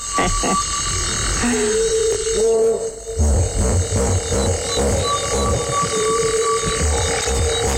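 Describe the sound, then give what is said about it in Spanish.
Hippopotamus grunting calls: deep, throaty honks that break into a rapid series of rhythmic pulses, loud over a steady background chorus with a few high whistling tones. “Y no había visto hipopótamos, o sí, a mi manera, madre de mía. Oídas.”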